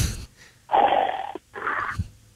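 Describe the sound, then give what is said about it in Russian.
A person imitates snoring with two rasping, breathy snores in quick succession, the first longer than the second, fairly loud, with no talking. “Вот как вы обычно храпите? Вы можете воспроизвести?”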